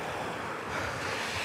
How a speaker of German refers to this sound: Aber wenn wir uns jetzt beeilen, dann kommen wir vielleicht durch den Wassersprenger. Ohne komplett nass zu werden. Ah, ich weiß es nicht. Die Straße vor uns ist platschnass. Der Wassersprenger wässert vor allem die Straße.